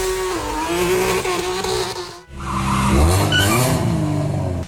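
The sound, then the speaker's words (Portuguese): Loud car engines roar and rev with screeching tire squeals, a sustained burst that cuts out briefly midway, then surges again with rising engine pitch. No one speaks. Illegal street racing cars on the Marginal Pinheiros in São Paulo. “Mais de 30 carros são apreendidos em uma blitz contra rachas na marginal do Pinheiro.”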